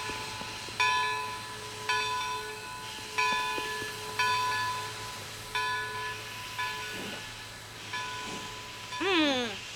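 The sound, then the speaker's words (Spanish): Ambience of a large train station in Paris where the Orient Express is waiting to depart, with a steady low rumble and repeated ringing bell strikes, about one every second, plus faint hissing and a rising whistle-like tone near the end. “Donde hay una gran estación de trenes. Y el Expreso de Oriente está esperando para salir.”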